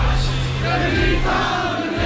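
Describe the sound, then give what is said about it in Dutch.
A large concert audience at the Radio NL Zomertour cheers and roars continuously for the singer on stage, a dense, loud wall of voices with no individual speech standing out. “En als je dan uit volle borst wordt toegejuicht door het publiek en ze zingen ze allemaal luidkeels mee, dan ga je zo meteen met een hele grote glimlach terug naar”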